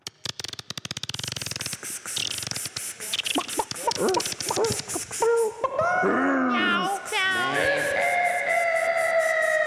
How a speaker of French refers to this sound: On passe maintenant à la rubrique suivante, j'ai nommé Lenny McLean. Oh non. Jingle.